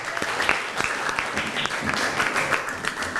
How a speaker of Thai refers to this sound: เชิญครับ ให้วิทยากรไปให้ความรู้กับเด็กๆครับ เก่งมากขอเสียงปรบมือให้เพื่อนหน่อย